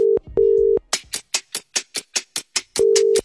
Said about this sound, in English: So he just needs to answer his phone in 10 seconds. So let's give him a call now.